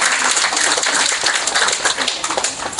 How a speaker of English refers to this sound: So I think a round of applause to you, everyone.